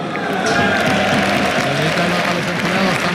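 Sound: teammates applauding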